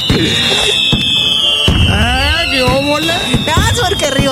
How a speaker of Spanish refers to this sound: ahí le van los cohetes para Rigo Trejo